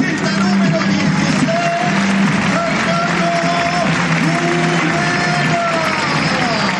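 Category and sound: crowd, stadium crowd ovation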